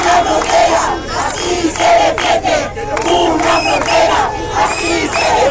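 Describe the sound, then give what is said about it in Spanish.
A large protest crowd at a sit-in near the border of Ceuta, carrying Ceuta and Spanish flags, chants and shouts together in loud, rhythmic bursts, many voices overlapping continuously with no pause. “Esto después de una nueva protesta sentada cerca de la frontera con banderas de Ceuta y de España.”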